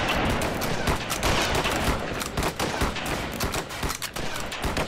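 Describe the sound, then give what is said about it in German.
A dense, rolling burst of musket fire fired on an officer's command, many shots cracking almost on top of one another in a loud volley that crackles on steadily for several seconds with no voices. “Anlegen. Auf mein Kommando. Warten können, Schuss. Bis die Schussbahn frei ist. Feuer!”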